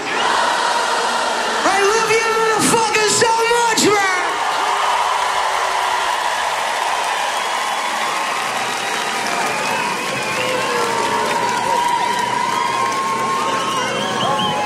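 A large crowd roars and sings together in a dense, loud wash of voices, with a few sharp bursts near the start and sustained chanting throughout, as if heard from within the audience.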